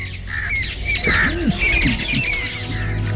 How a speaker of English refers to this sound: Yes, ma'am. Yes, ma'am. I listen to the sweet chirping of birds.